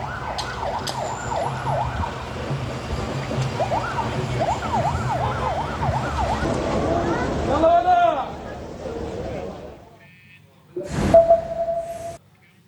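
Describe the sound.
An ambulance siren wails in rapid, repeating rising-and-falling sweeps, loud, over background voices and street noise, then cuts off before a short, sharp burst with a steady tone. Ambulances in Gaza City carry a killed young man and the wounded from an Israeli strike near the Shaabiya junction to the Red Crescent's Al-Saraya field hospital.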